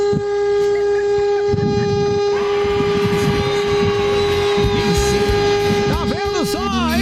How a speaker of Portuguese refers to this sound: Buzina aí, meu filho. Não estou dirigindo, não, mas vê se essa buzina funciona.